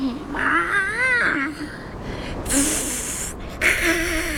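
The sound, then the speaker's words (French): A cat higher up on a mountain yowls in long, wavering cries that rise and fall in pitch, broken by a loud hissing burst before a second, shorter yowl. “C'est un autre chat.”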